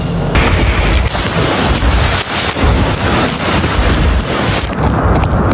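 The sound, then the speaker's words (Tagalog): Violent wind from super typhoon Bavi roars continuously with heavy rain in Tamuning, Guam, loud, as gusts buffet the microphone with deep rumbling thuds throughout. “Binayo ng malakas na hangin kasabay ng buhos ng ulan ang lugar ni Bayan Patroller Jess Panzo sa Tamuning, Guam.”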